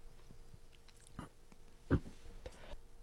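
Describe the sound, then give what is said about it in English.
Mouth noises from someone chewing and swallowing a piece of gum: a few soft wet clicks, then one louder gulping burst midway, with faint smacking after, and no talking. “Excuse me, I was swallowing a piece of gum.”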